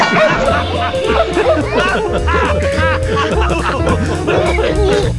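Dogs bark and yip in quick, repeated bursts throughout, loud, mixed over a busy, steady background that sounds like music.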